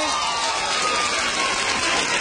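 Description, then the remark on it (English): An audience claps steadily for a couple of seconds after being asked which ladies would like to get paid to shop, a dense, even wash of many hands with a faint crowd murmur underneath and no single voice standing out. “How many of you ladies would like to get paid to shop? Clap your hand.”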